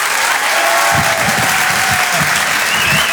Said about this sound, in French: je vous demande donc de l'applaudir très très très fort, s'il vous plaît. Voici Haroun.